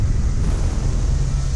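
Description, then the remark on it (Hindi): Rushing floodwater in Bihar, India, from the swollen Gandak and Kosi rivers fed by water released from Nepal, its strong flow washing away an embankment, roars in a steady, unbroken rumble, heavy in the low end with a hissy wash on top, loud and constant throughout with no voices. “पानी के तेज बहाव में बह गया तटबंध।”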